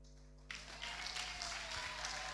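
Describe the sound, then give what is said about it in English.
An audience breaks into sustained clapping, a dense, steady wash of many hands that starts abruptly after a brief low hum and continues at an even, fairly loud level. “Wow, continue clapping.”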